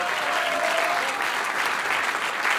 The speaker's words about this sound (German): Bodenständig, ehrlich und das kommt beim Publikum gut an, wie man heute auch hört beim Applaus.